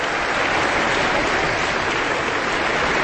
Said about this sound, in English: Applause continues as our conductor points to different sections of the orchestra and has them stand. It's a big orchestra, so there will be a lot of different sections and a lot of different soloists from the orchestra who will be stepping forward